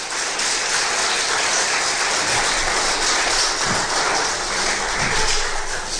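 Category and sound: crowd, audience applauding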